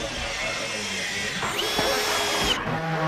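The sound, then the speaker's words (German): A power drill whirs steadily and loudly at a construction site on a meadow where eighth graders of the Gemeinschaftsschule Mölln in Schleswig-Holstein build a 21-square-metre Tiny House classroom. Its whine holds for about three seconds with a brief shift in pitch partway through amid busy site noise. “Niais Bayer hat die Jugendlichen auf der Baustelle besucht”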